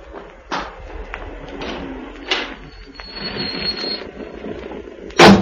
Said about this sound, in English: Listen, I can hear a car.